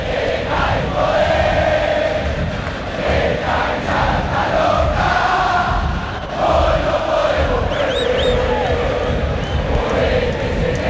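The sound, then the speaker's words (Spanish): A huge football stadium crowd of Boca fans chants in unison during a match, shouting for a player to move, a loud, dense roar of voices that holds steady throughout, with a few shrill whistles rising above it near the end. “Movete, Senaí, se movete, grita la gente de Boca.”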